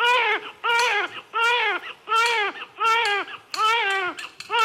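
A newborn baby cries loudly in a steady run of about six or seven rising-and-falling wails, each separated by a brief catch of breath, with no talking.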